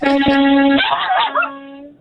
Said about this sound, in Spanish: ¿Se puede tocar la bocina? Oh, seguro que sí.